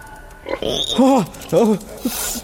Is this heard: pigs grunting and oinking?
yes